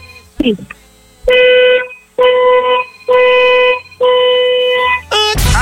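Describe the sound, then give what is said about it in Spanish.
Four long, loud car horn blasts sound in a steady rhythm, each a sustained, bright, buzzy tone held for under a second with short gaps between them. “vamos a necesitar, por favor, que nos des cuatro bocinazos de tu auto bien fuerte, largos.”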